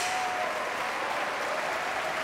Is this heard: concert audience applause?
yes